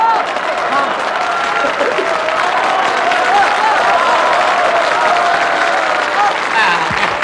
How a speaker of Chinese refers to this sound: 知道大家为什么鼓掌吗？ 为什么？ 大家想问啊，有牛群的百叶吗？